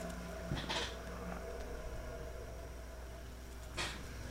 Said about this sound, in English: Oh, yes. The creaky chair. That's part of the scare. The creaky chair is part of the scare.